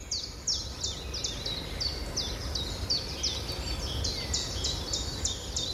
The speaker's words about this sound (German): Und wenn Sie das Fenster öffnen, dann hören Sie sicher auch die Stimmen der Vögel. Denn der Frühling lässt sich nicht aufhalten. Der Frühling ist wirklich da.